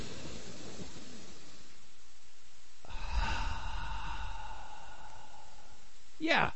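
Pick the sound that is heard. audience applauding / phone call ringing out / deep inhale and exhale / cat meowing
deep inhale and exhale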